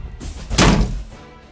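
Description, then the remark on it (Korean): A door slams shut with one heavy, booming thud after a brief creak of movement, then the low impact rings out and fades. Intelligence agents slam the door as they leave after searching the house. “큰 소리로 여자를 꾸짖고는 문을 쾅 닫고 나가버렸습니다.”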